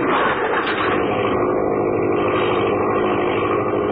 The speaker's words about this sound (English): The engine racing at its top speed. The air compressor tank ready to extend its force.